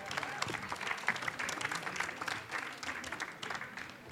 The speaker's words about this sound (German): Applaus, ja.